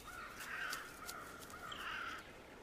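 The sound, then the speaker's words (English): Crows caw in harsh, raspy calls, two longer drawn-out caws with shorter ones between, fairly loud over a steady background hiss, with no talking. “Crows clearly demonstrate this kind of agile thinking when it comes to storing their food.”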